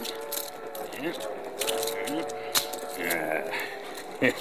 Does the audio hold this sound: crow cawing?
no